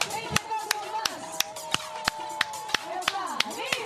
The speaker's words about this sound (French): Et on les applaudit parce que franchement. Bravo, oui, c'est beau.